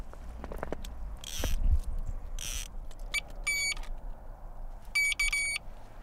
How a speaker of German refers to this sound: Sobald ein Fisch anbeißt und dadurch fest an der Schnur zieht, dröhnt ein Alarm.